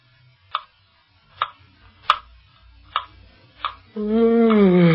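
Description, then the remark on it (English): A clock ticks steadily and crisply, five distinct ticks evenly spaced in the quiet, before a voice begins speaking at the very end. “We have waited an hour by that clock.”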